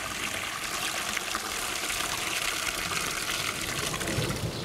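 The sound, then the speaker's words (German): Steady rushing and splashing water as a drinking trough is cleaned, continuous for the whole stretch with no voices. “So, dann mache ich immer nur gleich die Tränke sauber.”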